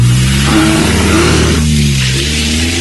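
A car engine revs hard and accelerates, its loud drone rising and shifting pitch steadily with no voices over it.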